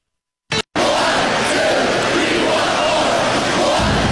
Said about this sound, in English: Badger hockey fan knows that cheer.